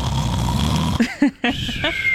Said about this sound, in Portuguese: Vamos falar de outra coisa que faz barulho também? Ah, ronco. Que parece uma moto de trilha. Ronco.